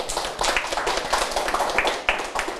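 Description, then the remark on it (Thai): A group of students claps together in a classroom for a classmate who has just presented, a dense, steady patter of many hands lasting a few seconds at moderate loudness, with no voices standing out. “ครับนักเรียนปรบมือให้กับเพื่อนด้วยครับ”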